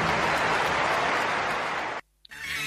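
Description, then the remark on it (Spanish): A crowd gives a loud round of applause for everyone who took part, a dense, steady wash of clapping that stops abruptly for a moment of silence, then picks up again more softly. “Se lo quiero agradecer y quiero que le den también un fuerte aplauso a todos.”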